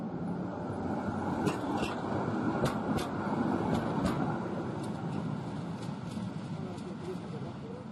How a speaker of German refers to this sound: Bis gegen 1 Uhr in der Nacht pendelten die historischen Bahnen zur Warschauer Museumsnacht. In diesem Jahr sind noch weitere Highlights zum 160. Geburtstag der Warschauer Straßenbahn geplant.